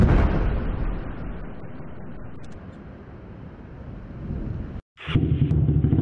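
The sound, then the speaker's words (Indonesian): A loud motorcycle with a modified exhaust roars and revs in a harsh, rumbling blast, cuts out for a split second, then growls back in with a deep, throbbing idle. “kau apakan kenal pot motor itu, nak? Suaranya terdengar sangat bising dan memekak di telinga papa, nak.”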